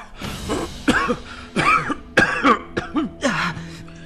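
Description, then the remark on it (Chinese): A loud fit of harsh, violent coughing after being knocked to the ground by a bookshelf: six or seven strained, throaty bursts in quick, uneven succession with rasping breaths between them. No one speaks. “墨虫随即夺窗而出，佑春剧烈咳嗽。”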